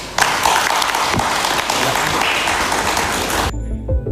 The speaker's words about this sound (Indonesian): Kehadiran teman-teman di sini hari ini sangat menyenangkan, berarti masih banyak yang menulis tentang isu ini, tepuk tangan.